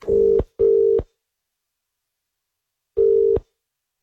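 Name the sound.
telephone dialing tones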